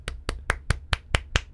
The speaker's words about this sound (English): Oh, you guys can actually hear me clapping. That's fun.